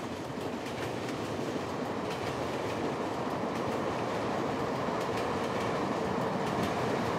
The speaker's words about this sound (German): Weiter unterwegs Richtung Norden, mit der Bahn. Wir fahren durch den dicht besiedelten Großraum von Kaohsiung.